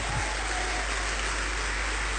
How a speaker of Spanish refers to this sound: ¿Cuántos le damos un fuerte aplauso al Rey?